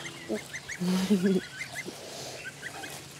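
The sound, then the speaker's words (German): Bantam chickens kept as playmates for Amy, a young incubator-raised animal, cluck, with one louder, low, drawn-out call partway through and soft, high chirps repeating around it. No one speaks. “Damit Amy nicht alleine aufwachsen muss, hat sie ein paar Zwerghühner als Spielkameraden.”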